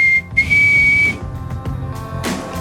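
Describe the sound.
A short, high whistle, apparently an attempt at Canada's national anthem, held mostly on one steady note for about a second with a brief break, then fading into hissy background noise. No one speaks.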